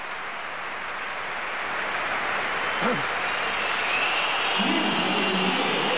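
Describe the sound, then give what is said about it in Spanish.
A large crowd at Real Madrid's Santiago Bernabéu stadium roars steadily, with dense applause and scattered shrill whistles cutting through the continuous wash of noise, which swells slightly toward the end, as Gonzalo is substituted off and Mbappé comes on. “Muchos pitos, ¿eh?”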